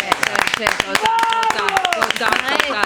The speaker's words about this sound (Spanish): Sí, deberíamos haber arrancado de pie aplaudiendo a Leonel Andrés, ¿no? Y aplaudamos a Leonel Andrés.